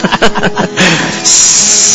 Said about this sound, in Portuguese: Tá chaleira, tá em baixo.